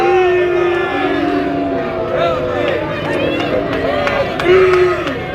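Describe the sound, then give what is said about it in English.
A large baseball stadium crowd reacts with disapproval after a breaking ball outside makes the count two balls and two strikes: a loud, sustained wall of low booing and jeering voices that swells and wavers, with a few sharp whistles cutting through. “Crowd didn't like it.”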